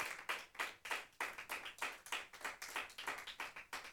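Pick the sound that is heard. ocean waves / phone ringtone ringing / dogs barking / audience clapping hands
audience clapping hands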